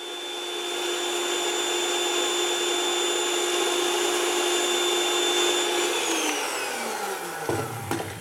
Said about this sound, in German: mit dem Rührgerät, er hat einen Rhythmus zwischendurch geklopft. Das ist ganz schön schnell gegangen.